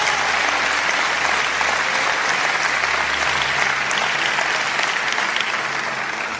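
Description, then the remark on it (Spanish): An audience applauds loudly and steadily for Jesus for several seconds, a dense, sustained wash of clapping from many hands without pause. “Cuanto aplauden fuerte a Jesús.”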